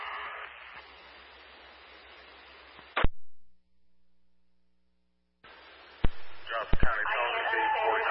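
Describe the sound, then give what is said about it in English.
Crackly two-way ambulance radio static hisses loudly in the background of a transmission about transporting a patient to an ER, cuts out sharply into near silence for a couple of seconds, then returns with clicks and bursts of noisy, distorted radio transmission. “Transporting to Heron ER as a bunch of static in the background.”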